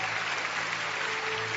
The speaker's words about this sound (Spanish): Aplausos a Dios que vive y permanece para siempre.